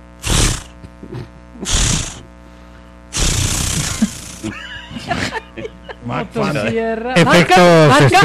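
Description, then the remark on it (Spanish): A voice imitates a chainsaw trying to start: two short, sputtering pull-like bursts, then a longer raspy rev, followed by strained, wavering vocal revving sounds. “No, pero estaba sonando bueno el intento de encendido.”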